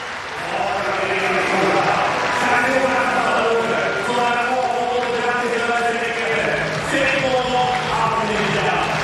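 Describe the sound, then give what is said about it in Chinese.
A large stadium crowd at a pole vault competition claps in a steady rhythm, prompted from the sidelines by pole vaulter Kendricks, the sharp claps sounding continuously under a talking voice and a dense background roar. “他的对手同时呢也是他的好友肯德里克斯在场边是为他要掌声，要这个观众鼓掌的节奏，希望能够给他带来一些帮助。”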